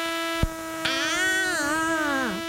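A thin, high mosquito whine, heard with the lights off when trying to sleep, drones steadily for about two seconds, its pitch wavering up and down, preceded by two short sharp clicks.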